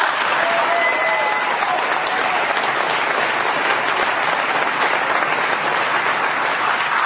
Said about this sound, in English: I think she deserves another round of applause.